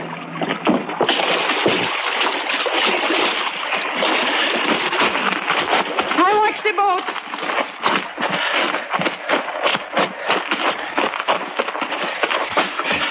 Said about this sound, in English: We were 100 yards offshore when we dropped anchor in about 15 feet of water. We lowered the dinghy and a few minutes later beached it through the surf.